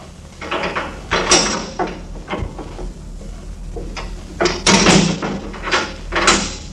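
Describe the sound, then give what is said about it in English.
A door creaks and clatters open, with several knocking, scraping bumps over a few seconds, ending in heavier thuds as it swings and settles, as a bound woman prisoner is brought in. “Oh, then of course, bring her to me. She is just outside the door.”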